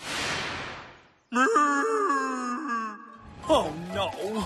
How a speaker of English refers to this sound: Where cows go? Me just heard them moo. Yeah, it sounds just like that. Sounds like they're back at the launch site.